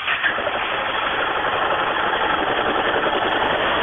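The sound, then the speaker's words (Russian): A Yamaha motorcycle engine runs steadily at a rumbling idle, a dense, continuous mechanical drone that stays loud throughout with no voices over it. “Вот послушай сам еще раз Yamaha, вот сейчас послушай.”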